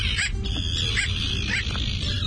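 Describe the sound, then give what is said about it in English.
A bridled tern (Onychoprion anaethetus), visiting a home neighborhood, gives three short, yelping calls, spaced roughly evenly and somewhat like a small dog's bark, over a steady low rumble of background noise. “It's Onocoprion anethetus, today's featured feathered friend and pleasant surprise visitor to our home-based neighborhood this week, the bridled tern.”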